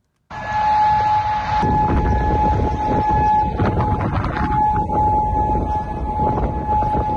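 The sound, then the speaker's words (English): Air raid sirens in Kuwait wail steadily and loudly as Iranian missiles are intercepted, a sustained tone holding over a rumbling, noisy background with no one speaking. “Those sirens ringing out as Kuwait authorities said they intercepted Iranian missiles.”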